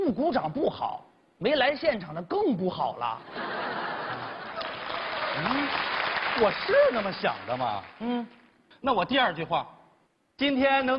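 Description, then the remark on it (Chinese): An audience at a Chinese crosstalk (xiangsheng) comedy show breaks into steady applause mixed with laughter for about five seconds, rising over and then fading under a man's speech, with talking before and after. “啊，这弦外之音就是， 啊， 您鼓掌就好。”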